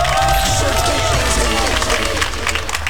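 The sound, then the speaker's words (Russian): A studio audience at Humor FM radio breaks into steady applause mixed with cheering and crowd noise, loud and continuous for the whole few seconds with no single voice standing out. “Вашему вниманию подборные аплодисменты!”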